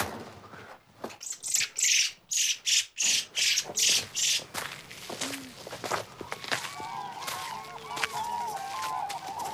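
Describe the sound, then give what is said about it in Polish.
Crunching footsteps on rough ground give way to cranes calling in an open field, their trumpeting cries rising and overlapping, with faint woodlark song in the background. “Ale mamy dźwięki z terenu. Żurawie i lerki.”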